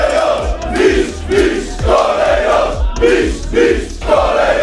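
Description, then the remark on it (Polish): Lech Poznań football fans cheer and chant loudly outside the stadium on Bułgarska Street in Poznań, Poland, welcoming the players after the team clinched the Polish championship; a dense roar of many voices rising and falling in steady rhythmic pulses, with thumping beats running underneath throughout. “Kibice po meczu nie ukrywali radości, a pod stadionem przy Bułgarii zorganizowali piłkarzom powitanie.”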